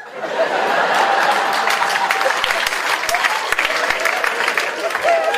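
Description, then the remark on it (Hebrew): An audience breaks into sustained applause, a dense wash of many hands clapping at steady loudness, with scattered laughter and a few whoops mixed in. “כפיים, כל הכבוד.”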